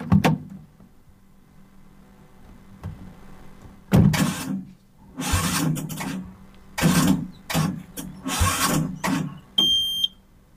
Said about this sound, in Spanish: ¿Qué le pasa a este auto que no arranca?